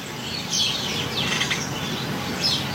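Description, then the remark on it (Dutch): A busy chorus of dozens of sparrows chirping in the hedges and beech hedges around a house in Indijk, Friesland: dense, overlapping chatter at a steady level, with a few louder bursts of tweets rising above the constant background twittering. “Jacqueline Noordman uit Indijk hoort tientallen mussen in de heggen en beukenhagen rond haar huis.”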